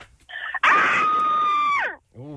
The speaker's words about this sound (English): Everyone sounds like there's more than one person screaming.